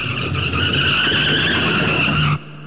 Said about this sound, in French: Mais une camionnette de laitier qui passait justement par là fit assez bien l'affaire. Et savez-vous ce que fit O'Malley? Il sauta sur le capot, toute griffe dehors, et obligea le chauffeur à demi mort de peur à freiner en catastrophe.